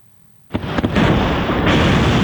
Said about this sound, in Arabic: هجوم روسي متصاعد بصواريخ باليستية ومسيرات يخلق نهارات دامية متتالية بالأراضي الأوكرانية. دوي انفجارات تهز العاصمة من منطقة هولوسيفسكي إلى بلدة فيشنيف إلى مستودعات منطقة بوتشا، والحرائق والأنقاض تمتد شرقا وغرب البلاد